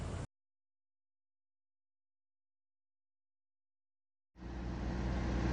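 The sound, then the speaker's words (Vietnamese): A steady, loud roar of fast-moving road traffic on the Noi Bai–Lao Cai expressway in Vietnam, recorded by traffic police on patrol, cuts in briefly at the start, falls silent for several seconds, then returns and swells toward the end, with no voices. “Giữa dòng phương tiện đang lưu thông với tốc độ cao, chiếc xe màu trắng liên tục áp sát xe tải phía trước.”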